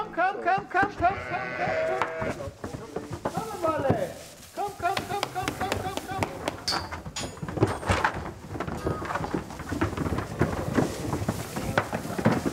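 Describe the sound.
A flock of pregnant sheep bleats repeatedly, overlapping wavering cries at varied pitches, loudest early on, with shuffling, knocking and murmured voices mixed in throughout, after a 50-kilometre trip from Palmzin to Fidschio, shortly before entering a new, freshly bedded stall.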